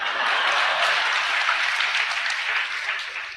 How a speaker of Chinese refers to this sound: 各位鼓鼓掌，让咱来了易中天怎么样？